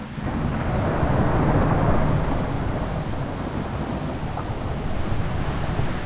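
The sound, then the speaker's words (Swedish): A violent hurricane in Vega Baja, Puerto Rico, in September 2017 roars without pause, heavy wind and rain blending with a deep rumbling surge of brown-grey floodwater rushing over the streets while whole roofs fly off houses, loud for the whole stretch with no voices. “Brungrått vatten forsar fram över gatorna i Vega Baja och hela tak flyger av husen.”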